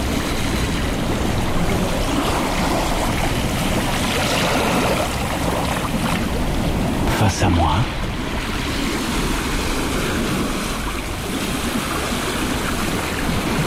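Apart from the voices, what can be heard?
waves crashing against cliffs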